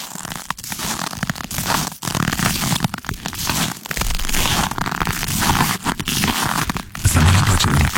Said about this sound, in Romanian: Următorul din lista lui, lui Cuza ar fi pașii pe zăpada înghețată.